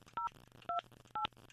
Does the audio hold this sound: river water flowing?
no